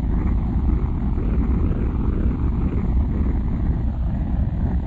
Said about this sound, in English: 10, 9, 8, ignition sequence start. 6, 5, 4, 3, 2, 1, 0. All engines running, commit. Liftoff. We have liftoff, 11:22 a.m. Eastern Standard Time.